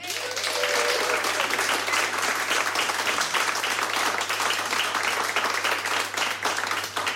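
A crowd applauds a live music performer steadily for several seconds, dense overlapping clapping at a constant loud level, with a faint voice briefly audible near the start.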